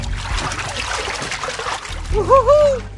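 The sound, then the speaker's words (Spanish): An elephant sucks water up into its trunk to drink, then squirts it into its mouth: a steady wet sloshing and gurgling that swells near the end, where a few brief squeaky, rising tones cut through. “Y vean cómo hace para tomar con la nariz el agua. Llena de agua como manguera su nariz y luego la expulsa hacia adentro de su boca.”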